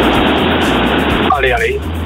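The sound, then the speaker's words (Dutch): Loud, steady car engine and road rumble heard through a narrow phone line from a caller driving on the road, continuous throughout, with someone starting to speak over the noise partway through. “Ik ben onderweg met de auto. Excuses voor de auto.”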